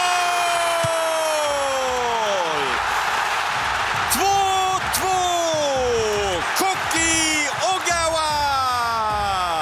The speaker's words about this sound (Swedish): 2-2. Japan kvitterar igen. Och vilket jubel på den japanska delen av läktaren. Och det förstår man ju eftersom vi är inne i den 88:e matchminuten.